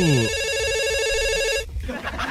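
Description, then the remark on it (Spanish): A telephone rings for an incoming caller wanting to take part in a prize-wheel giveaway, a steady, bright electronic tone made of stacked harmonics, lasting about a second and a half before cutting off abruptly, followed by faint background noise. “Pero bueno, tenemos llamada.”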